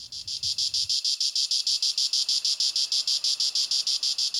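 Cicadas chirp in a steady, rapid rhythm of high buzzing pulses, continuous, with a brief low rumble at the start, on a quiet evening at a seaside campsite in Ankaran, with the sea murmuring in the distance.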